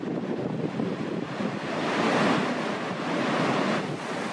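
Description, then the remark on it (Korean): A powerful, continuous roar of rushing water pours from Victoria Falls, with a 108 m drop, heard from the cliff edge right in front of it: a dense steady rumble that swells slightly louder midway, with no voices. “절벽 끝에 서자 빅토리아 폭포의 장대함이 더 또렷이 느껴지는데요.”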